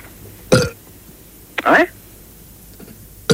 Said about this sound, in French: Ce sont des rots qu'on entend. Oui, absolument. Bah, on entend quelqu'un qui rote, alors... Bah oui, mais c'est ce qu'il y a pour gastro-entérologie.